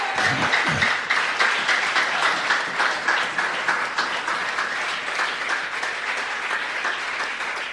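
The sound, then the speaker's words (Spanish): A church audience bursts into sustained applause as an offering of clapping to the Lord, many hands clapping in a dense, steady patter that stays loud and even for several seconds, with a few faint voices mixed in. “Si está alegre, dele ofrenda de palmas al Señor.”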